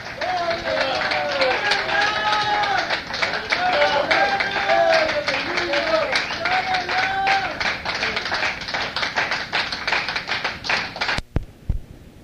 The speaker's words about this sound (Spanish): Otro aplauso a nuestro Rey.